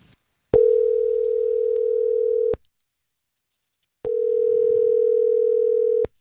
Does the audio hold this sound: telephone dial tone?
yes